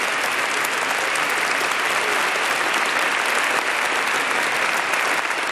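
Sustained applause from an audience for the Apostolic Nuncio to Germany, Archbishop Hubertus van Megen, at the Adoratio, broadcast live on Radio Horeb. A dense, steady wash of many hands claps at constant loudness throughout, with no voices standing out.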